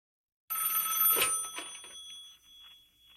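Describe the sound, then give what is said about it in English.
A single loud, bright telephone bell ring on a radio station's request phone line, ahead of a voicemail message, starts abruptly and rings on with a shimmering metallic tone, fading gradually over a few seconds with no voices. “I think the phone line's showing a message. Let's have a listen.”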